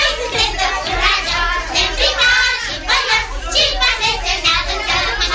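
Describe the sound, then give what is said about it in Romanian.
A crowd of children from the Gări neighbourhood shouting and playing, a dense, continuous babble of high-pitched voices with overlapping cries rising and falling throughout, fairly loud and steady. “Copiii din cartierul Gări.”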